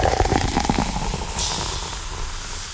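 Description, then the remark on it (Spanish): A cold can of Coca-Cola cracks open with a few sharp clicks, then a steady, airy fizz of bubbles hisses on alone until the end. “Y usted abre esa lata. Y usted va a oír.”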